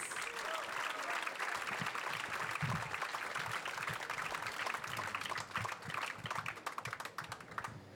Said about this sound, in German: Und sein Name ist …. Applaus für … am Kontrabass.